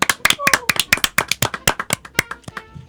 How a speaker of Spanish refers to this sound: Esos invitados especiales son nuestros padres. ¡Aplauso!